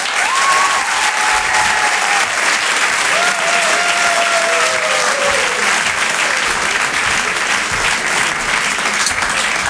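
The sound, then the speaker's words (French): Sustained, loud applause from a large comedy club audience welcoming comedian Antonia de Rendinger, dense and steady for nearly ten seconds, with faint whistles rising above the clapping. “Merci de garder cette énergie, de faire un tonnerre d'applaudissements pour Antonia de Rendinger.”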